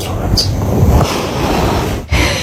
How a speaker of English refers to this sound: Oh, it goes on. Yep. That's the gasping. Stop snoring. You're snoring so loud.